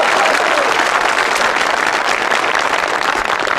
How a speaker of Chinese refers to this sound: 观众不给你鼓掌吧，手已经伸出来了，给你鼓掌吧，心里不情愿， 嗯， 得了，鼓两下吧。